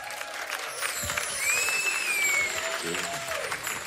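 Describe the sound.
An audience at a stage show applauds steadily as a performer is called onto the stage, in a dense wash of clapping, with cheers and a high whistle rising over it, while voices carry faintly underneath.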